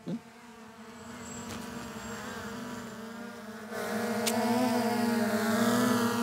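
A small model airplane engine drones with a steady, high-pitched buzz, continuous, growing louder partway through as the plane flies over Wolfratshausen.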